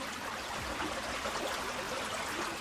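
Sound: flowing stream water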